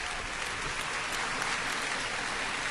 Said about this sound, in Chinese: 观众送上热烈的掌声，同时舞台都进行了一些调动